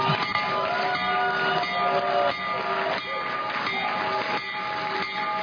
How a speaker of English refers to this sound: The president also rang the opening bell from the Oval Office as he hosted officials from the New York Stock Exchange and NASDAQ to commemorate the launch. So ring the bell, Mr. President.